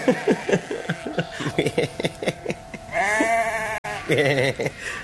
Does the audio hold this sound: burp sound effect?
no